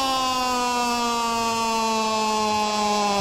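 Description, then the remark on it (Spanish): A loud, steady buzzer tone signalling offside in a football match, disallowing a Croatia goal at about the 80th minute, holds for about three seconds without a break: low-pitched, harsh and rich in overtones, sagging very slightly in pitch, with no voices over it. “Fuera de lugar, le sonó el reloj. La chicharra.”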